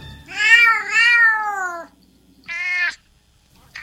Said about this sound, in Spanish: Una noche, Bambino se puso un poco nervioso cuando oyó a unos gatos llamando desde la cerca trasera.